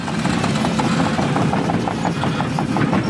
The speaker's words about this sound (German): Die Bagger rollen hier an der Grundschule in Kernen im Remstal nahe Stuttgart. Ein Sound, der heute nicht nur Lokalpolitiker anlockt.